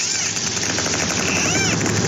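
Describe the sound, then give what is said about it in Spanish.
Dolphins underwater, recorded by a submarine's sonar: a dense, crackling stream of rapid clicks with high, sweeping whistles arcing up and down over it, steady and fairly loud throughout, with no talking. “Bueno, esto es ruido biológico que hemos grabado, es una serie de delfines.”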